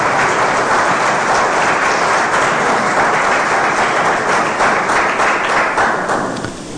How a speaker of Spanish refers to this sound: Dale un fuerte aplauso a Dios si crees que ese milagro va a llegar.